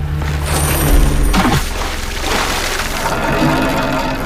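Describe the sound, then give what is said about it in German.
A heavy anchor chain rattles and runs out as a boat's anchor is set off Peril Point, in a strong current and offshore wind. A loud, continuous metallic clatter over a deep rumble, with a sharper crash partway through and water noise underneath. “Schnell, wir müssen den Anker setzen.”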